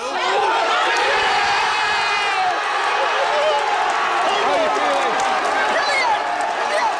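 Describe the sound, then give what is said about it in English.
A large football crowd cheers and roars continuously in the early hours of the morning, a dense, loud wash of many shouting voices with rising and falling yells throughout, as England fans react to their team's match. “Well, one of many cheers heard across the country in the early hours this morning.”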